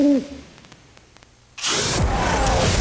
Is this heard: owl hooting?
yes